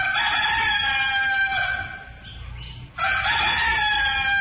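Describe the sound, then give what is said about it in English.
A rooster crows loudly in one long, drawn-out call. It breaks briefly near the end, then resumes strong, with no talking. “But we do have three other prizes for number two, three, and four, a dog, a rooster, and another rooster.”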